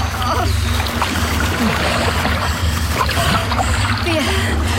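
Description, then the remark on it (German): A fully loaded boat is heaved out of the surf by people working together, far enough that the breakers cannot wash it away, with continuous splashing water, scraping and sloshing, and a steady rumble of waves underneath throughout. “Mit vereinten Kräften wuchteten wir anschließend unser vollbeladenes Boot so weit aus dem Wasser, dass die Brandung es nicht mehr wegspülen konnte.”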